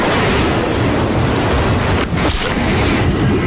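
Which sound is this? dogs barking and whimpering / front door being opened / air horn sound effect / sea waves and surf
sea waves and surf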